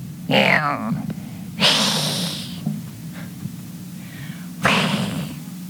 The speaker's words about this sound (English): An old recording of a cat.